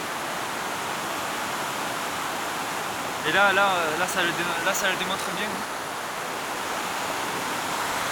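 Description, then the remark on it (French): A powerful mountain waterfall below a glacial step, where the slope breaks into a small gorge, roars in a steady, dense, full rush of water throughout, while a man speaks briefly over it partway through. “Cette cascade, cette force.”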